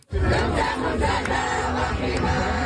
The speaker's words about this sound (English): A video showing a group of Moroccan fans singing the country's anthem in a parking lot in the Petit Maghreb neighborhood after winning 3-0 against Canada. They are flanked by two SPVM horses and officers.